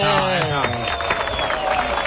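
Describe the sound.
A crowd claps and cheers in a steady, dense burst of applause lasting a couple of seconds, with voices mixed into the noise.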